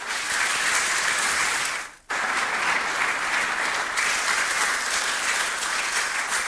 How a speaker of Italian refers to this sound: e anche a lei voglio fare un sentito applauso.